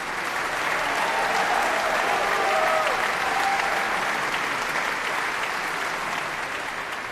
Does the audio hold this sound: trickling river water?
no